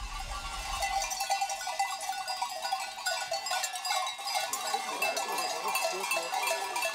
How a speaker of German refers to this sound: Nach weiteren 8 Stunden über die Berge kommen Schafe und Treiber dann endlich wieder zu Hause an.